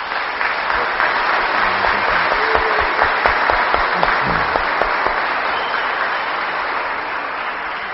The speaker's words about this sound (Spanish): Así que les pido un fuerte aplauso para él.